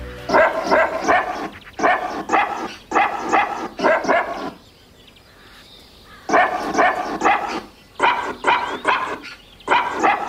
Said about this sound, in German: … gebellt von Hund Waldi.